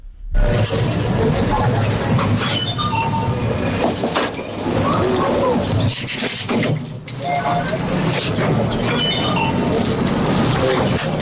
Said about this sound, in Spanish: Yo diría que es una atracción. Una atracción en una feria, es algo así, sí, es una atracción en una feria